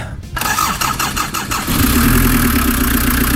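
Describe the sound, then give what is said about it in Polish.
A car engine cranks with a quick series of rhythmic starter pulses, then catches and settles into a steady, loud idle rumble. “To jeszcze raz uruchommy ten silnik.”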